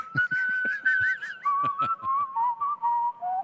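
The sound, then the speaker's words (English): A person whistles a wavering, melodic tune, the pitch sliding and gradually stepping downward, with sharp percussive taps punctuating it at irregular intervals. No one speaks. “whistling should be reserved for …”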